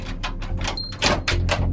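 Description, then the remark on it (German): A cellar door opens without any squeak, just a quick series of soft knocks and rattles over a low steady hum. “Komisch, ich hätte jetzt erwartet, dass die Kellertür quietscht.”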